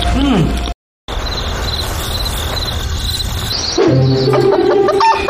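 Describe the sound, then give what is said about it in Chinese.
A person imitates a chicken with short, pitched vocal calls, then a longer sustained squawk near the end, over a steady chirring of insects in the background. “鸡不错，鹅也不错，孔雀不能说，像模像样。”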